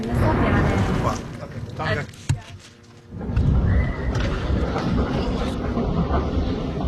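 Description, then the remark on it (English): Incoming military jets roar loudly overhead in a thick, sustained rush of noise that dips briefly, then swells again, with people talking underneath during a filmed interview with a village official. “before we're interrupted by the sound of incoming jets.”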